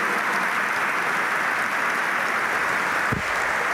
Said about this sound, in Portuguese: Mais aplausos dos delegados que têm estado mais atentos do que estamos a aplaudir.